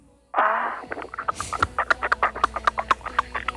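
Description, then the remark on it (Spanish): A voice makes loud, exaggerated breathing noises during a deep-breathing exercise: a squeaky, drawn-out gasp followed by a quick string of rhythmic, huffing pants, with an odd squawk-like quality. “¿Esa es una respiración?”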